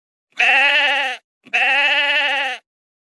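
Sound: sheep bleating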